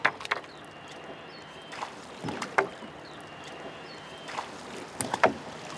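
Oars dip and pull through water as a Zille, a flat-bottomed wooden boat, is rowed in a slow, uneven rhythm, each stroke bringing a soft splash and a brief wooden clunk over a quiet, steady wash of water. No one speaks.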